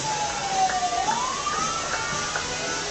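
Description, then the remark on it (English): An ambulance siren wails in a slow rising and falling sweep, moderately loud over a steady hiss of outdoor background noise, with no one speaking, as the ambulance tries to get through a parade in the Mad River Valley. “I'm pretty sure this ambulance needs to go somewhere and just trying desperately to get through the parade.”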